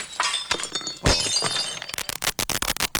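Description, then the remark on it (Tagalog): Plates and a glass cabinet shatter loudly in a crashing burst, followed by a rapid series of sharp breaking impacts and tinkling shards, intense with no talking. “Plato lang yung binabasag ko. Bakit pati yung aparador na salami nabasag?”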